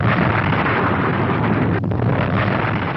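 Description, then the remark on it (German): A massive, sustained roar of a volcanic eruption explosion as the pressure of a pent-up magma bubble is released, dense and rumbling across the whole clip with no pauses, loud, like a continuous blast of debris and air. “Der Druck entleert sich in einer gewaltigen Explosion.”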